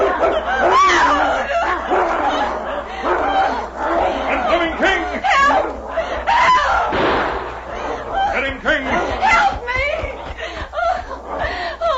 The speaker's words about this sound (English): But at that moment, another gray form sprang from the darkness and rolled in a snarling heap with the huge wolf.